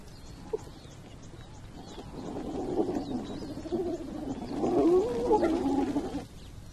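A pack of hyenas squeals and whoops in excited, overlapping calls over a low outdoor rumble as they rush in after a lion leaves, wanting its leftover prey. The calls build and grow louder toward the end, then cut off.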